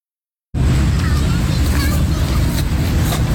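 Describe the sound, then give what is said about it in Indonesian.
Road traffic cuts in abruptly, then a loud, steady roar of cars and motorcycles passing on Jalan Jenderal Ahmad Yani beside a skate park in Rawasari, Central Jakarta, in the afternoon, a dense low engine rumble with occasional higher whines as vehicles go past. “Deru mobil dan sepeda motor di Jalan Jenderal Ahmad Yani tak mengalihkan perhatian para pemuda di Taman Link In Park, Rawasari, Jakarta Pusat.”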